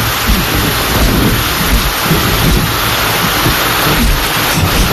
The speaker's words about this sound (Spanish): recuerdo me trae esta lluvia.